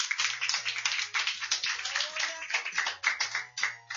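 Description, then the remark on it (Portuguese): A small group applauds for Jesus steadily in the studio for about four seconds, a dense, crackling patter of many hands clapping at once with no one speaking. “Agora eu quero ouvir daqui do estúdio. Palmas para Jesus.”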